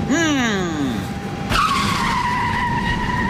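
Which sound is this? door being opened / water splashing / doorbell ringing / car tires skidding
car tires skidding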